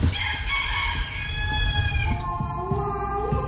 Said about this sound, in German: Wir haben also Deutschlands Superhahn gefunden.